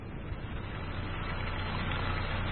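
A steady, unbroken rush of drinking water gushing from the rock at a mountain spring, with a dense hiss and a low rumble underneath. It holds an even, fairly loud level throughout, and no one speaks.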